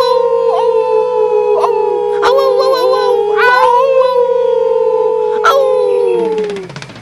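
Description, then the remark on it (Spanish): A voice imitates a wolf, holding a long, loud, wavering howl with a steady pitch and brief sharp accents, sustained for several seconds before trailing off at the end. “Me encantan los lobos, pero soy un lémur. No, un lobo. Aunque me gusta aullar.”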